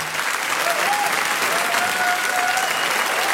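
A crowd claps steadily in sustained, dense applause that stays loud and even throughout, with a few faint whistles rising above the clapping.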